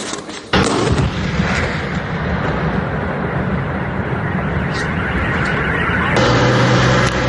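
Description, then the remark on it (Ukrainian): A missile strike explosion: a sudden heavy blast bursts in and gives way to a loud, sustained rumbling roar that churns on for several seconds, swelling again near the end, with no voices. “Була сирена і одразу бам, і взрив туди ж.”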